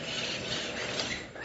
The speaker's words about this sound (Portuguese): Tem um papagaio aqui pertinho. Olha o canto dele, tão lindo.